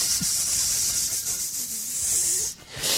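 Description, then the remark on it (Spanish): A voice imitates a rattlesnake with a long, steady, breathy hiss lasting about three seconds, fairly loud, briefly dipping near the end before hissing again. “y la culebra le hacía...”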